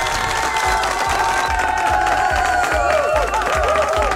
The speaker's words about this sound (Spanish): ¡Fuerte los aplausos!